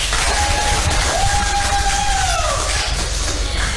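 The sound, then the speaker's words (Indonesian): A talk show audience applauds in a steady, dense wash of clapping and crowd noise for several seconds, with a thin whistle-like tone rising and then sliding down partway through. “Tapi boleh ya, kita kasih tepuk tangan dulu.”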